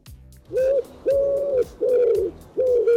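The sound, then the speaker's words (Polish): A dove coos in four steady, rounded calls about half a second apart, clear with a slight upward bend in each note, no voices present. “Ptasie Radio, ach, jakże to piękne.”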